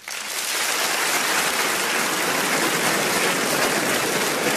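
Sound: audience applause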